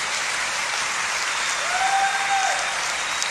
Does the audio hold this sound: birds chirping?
no